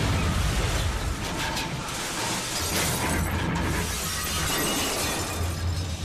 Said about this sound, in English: According to an eyewitness account, aircraft number 53 crashed into the dense forest of the Gaoligong Mountains at an altitude of over 3,000 meters.